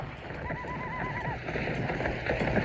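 A horse whinnies with a wavering, high cry over a busy rumble of galloping hooves as riders on horseback attack a train, the clatter steady throughout, with no one talking.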